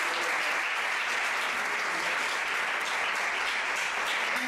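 A crowd applauds steadily, a dense wash of many hands clapping at an even, sustained level throughout with no pauses and no voices standing out.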